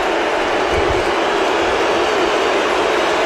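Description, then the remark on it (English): A dense, steady roar of a huge stadium crowd, loud and unbroken from start to finish, with no distinct voices standing out, during a 51-yard American football field goal attempt by rookie kicker Drew Stevens in a game against the Dallas Cowboys. “Crowd's making a lot of noise.”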